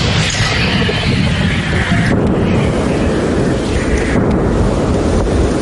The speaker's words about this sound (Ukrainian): вони відрядили у бік окупантів не одну сотню важких артилерійських снарядів. Постріл! Постріл! Постріл!